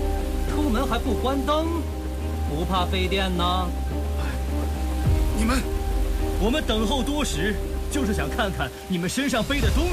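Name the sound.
heavy rain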